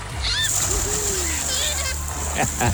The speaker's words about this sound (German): Wasserarschbomben und glückliche Schwimmer werden wir erleben, wenn das Volkacher Freibad am Pfingstwochenende nach der langen Sanierung endlich wieder aufmacht.